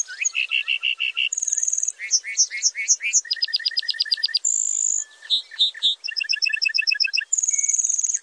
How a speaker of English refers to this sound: Then he begins a slow descent, flashing those white feathers with each flap of his wings. Flying back to earth, the bunting belts out a complex series of trills, whistles, and buzzy phrases.